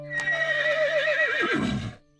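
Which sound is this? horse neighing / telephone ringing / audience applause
horse neighing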